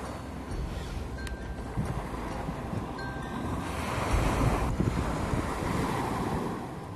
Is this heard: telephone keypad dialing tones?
no